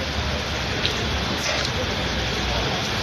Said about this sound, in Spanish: Ha llovido, llueve y va a seguir lloviendo. Es el titular a esta hora en buena parte de España. Una borrasca ha entrado en nuestro país.